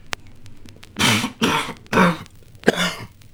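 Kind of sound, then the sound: human body sound, coughing fit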